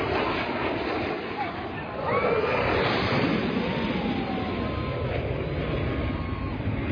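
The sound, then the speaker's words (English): A Blue Angels military jet roars past a beach crowd in Florida, flying low over the water, a loud, broad rushing rumble that swells after a couple of seconds and stays strong, with faint crowd voices murmuring underneath. “You can hear one Blue Angel fly past the crowd, flying low and over the water.”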